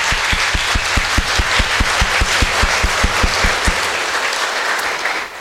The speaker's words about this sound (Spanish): Ahora nos ponemos en pie y damos un alegre aplauso de felicitación a nuestros jóvenes.